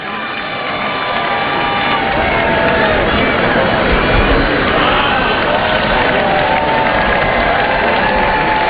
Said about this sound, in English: How about a nice round of applause for our skydiving dinos.